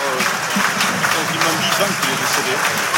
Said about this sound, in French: En tout cas, salve d'applaudissements pour la mémoire de Jean-Louis Béraud, qui manque évidemment à tout le monde.